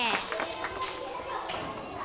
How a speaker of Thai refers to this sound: ปรบมือให้กลุ่มผู้ชายค่ะ